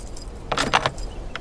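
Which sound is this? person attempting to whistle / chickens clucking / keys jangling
keys jangling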